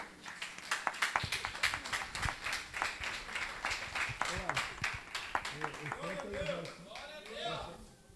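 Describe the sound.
A church audience claps steadily for their pastor, with dense, sharp hand claps running throughout. Voices rise over the applause in the second half, with cheering or calling as the clapping continues.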